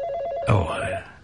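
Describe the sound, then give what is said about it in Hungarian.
A telephone rings with a steady, warbling electronic tone, and a voice starts talking partway through while the ring continues underneath. “Egy pillanat, a telefon.”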